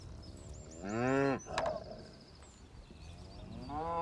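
Suckler cows from a herd of 500 moo in low, drawn-out calls: one loud moo early on, followed by another rising at the end. Birds chirp faintly in the background, and a brief sharp click sounds between the calls.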